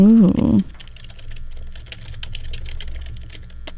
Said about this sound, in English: If you can hear the clacking of the keyboard, that's me. It's looking it up.